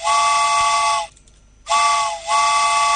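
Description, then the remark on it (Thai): A loud steam train whistle sounds in two long, shrill blasts separated by a short pause, with a slight dip late in the second blast. The harmonic tones are bright and piercing, and nobody speaks. “เอาล่ะคุณผู้ฟังรถไฟมาแล้วค่ะ เป็นไงล่ะรถไฟแบบว่าตบมือต้อนรับรถไฟด้วยนะคะรถไฟมาจ้า”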